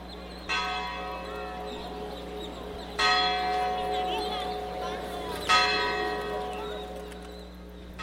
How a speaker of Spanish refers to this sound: ¡Ah, qué bonito repican las campanas de mi pueblo! Suenan a misa y a incienso, suenan a amor y a consuelo. Suenan a viejos recuerdos, los recuerdos de mi pueblo.